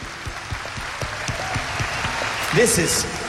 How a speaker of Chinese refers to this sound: 听我哋俾啲掌声